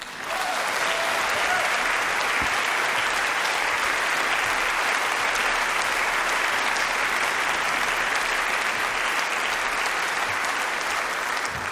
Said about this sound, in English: Big applause.